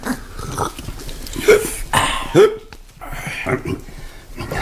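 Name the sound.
hiccup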